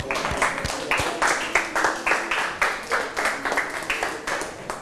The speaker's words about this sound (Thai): เก่งมากปรบมือเพื่อนหน่อย